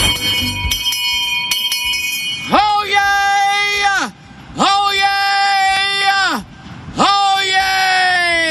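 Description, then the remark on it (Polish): Three long, sustained shouts from one powerful human voice, measured at nearly 122.5 decibels, each held steady for over a second with a sharp rise and a drop at the end, separated by brief pauses and very loud. “No i teraz sobie Państwo myślą, ojej, ale tam krzyczy.”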